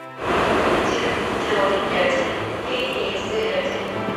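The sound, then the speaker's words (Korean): Busy train station ambience at Busan Station in Busan, South Korea: a steady, loud rumble of a train moving through fills the whole stretch, with indistinct crowd voices murmuring underneath. “그렇게 부산역을 나갔습니다.”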